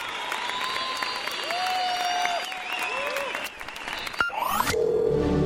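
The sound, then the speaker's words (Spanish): An audience applauds God's faithfulness in a steady, dense wash of clapping, with sustained tonal music and voices woven underneath before a sharp transition near the end. “Te aplaudimos a ti, Señor.”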